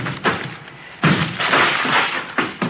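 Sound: door being broken down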